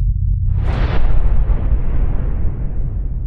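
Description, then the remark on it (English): A single deep, booming explosion bursts out after a low rumble, then trails off into a long, heavy roar that slowly fades. It is loud, with no voices. It is a sound effect representing the Big Bang. “In 1928, 70 years after Darwin's book debut, Catholic priest Georges Lemaître published the capstone of the evolutionary model, the Big Bang Theory.”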